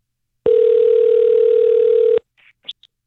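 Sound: telephone dial tone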